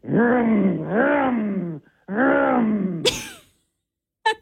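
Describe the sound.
A radio contestant voices race car engine noises with their mouth to win tickets to Rad Torque Raceway for Hot August Nights: two long, rising and falling revving drones, followed by a short breathy burst and a brief sharp sound at the end.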